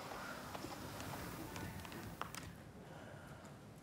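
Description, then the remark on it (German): A Friesian mare named Lissy walks slowly as a handler with difficulty gets her moving, her hooves landing in soft, irregular steps on the ground amid steady outdoor background noise, with no one speaking. “Nur mit viel Mühe gelingt es ihm schließlich, Lissy in Bewegung zu setzen.”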